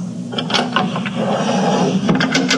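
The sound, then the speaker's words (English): The top drawer of a dresser rattles as it slides open and then shut while a bottle is put inside, with a series of sharp wooden clicks and scrapes over a steady low hum, and no voices. “Quick, let me put your bottle in the top drawer of my dresser.”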